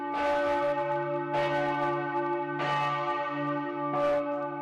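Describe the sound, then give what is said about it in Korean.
A large, old cathedral bell tolls loudly at noon in the bell chamber of the spire, four deep strikes roughly a second and a half apart, each ringing out with a long humming resonance that sustains between blows. “정오에 맞춰 첨탑에 오른 건 이 종소리를 듣기 위해서죠.”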